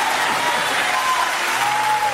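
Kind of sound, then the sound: crowd, audience applauding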